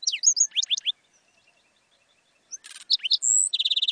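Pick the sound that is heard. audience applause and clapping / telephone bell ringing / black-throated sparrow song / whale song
black-throated sparrow song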